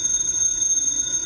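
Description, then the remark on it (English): A telephone rings at 4 o'clock in the morning with a bright, steady electronic trill that fills the whole moment without a break, fairly loud, with no voices. “That's a phone. Who'd be calling me in the middle of the night?”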